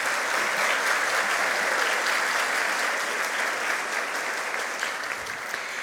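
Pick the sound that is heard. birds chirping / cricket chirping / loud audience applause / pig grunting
loud audience applause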